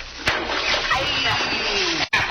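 A sudden splash as someone dives into the water, followed by a sustained, noisy wash and churning for about two seconds before it cuts off briefly and resumes.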